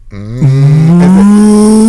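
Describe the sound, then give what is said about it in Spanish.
A person imitates a cow with a single loud, sustained moo that swells up and holds steady, its low voiced tone rich with harmonics, with no other talking. “¿Cómo hacen las vacas?”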